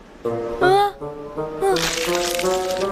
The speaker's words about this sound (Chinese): 哎呀，胖熊，你咬冰的声音太大了吧？ 不是我啊，冰块都吃掉了。 声音是从里面传来的。